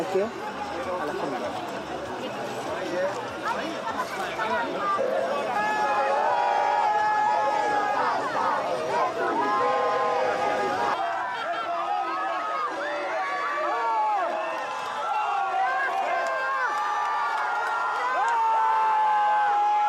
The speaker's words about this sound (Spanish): El temperamento del jugador que baja cabizbajo del avión y cuando se sube al bus encuentra el calor del pueblo argentino y se rinde porque lo único que se logra escuchar es el gracias, gracias, gracias.